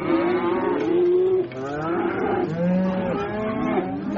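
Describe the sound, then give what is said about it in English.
A sound effect of several cattle mooing over one another in long, low, drawn-out calls, overlapping continuously for about four seconds with a steady, fairly loud level and no speech. “Van Man, give us the sound of the Pamplona Bull Run.”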